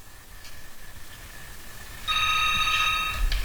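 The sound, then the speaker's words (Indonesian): A telephone rings on a radio call-in line with a bright, buzzing electronic tone. It starts partway through and holds steadily for about a second, clear over a low background hum, as a waiting caller is greeted. “Kita sapa di jalur telepon yang sudah menunggu, Pak Ustadz.”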